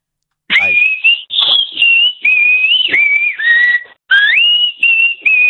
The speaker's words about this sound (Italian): fai sentire il tuo di fischio di nuovo. Prova a farlo ritmato. Vai.